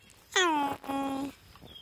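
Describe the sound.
A person lets out two drawn-out, wavering animal-like calls to impalas in quick succession, the first slightly higher and falling. The calls are fairly loud, with no talking around them.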